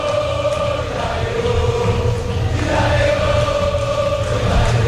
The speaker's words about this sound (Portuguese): Ouça a torcida na Bombonera.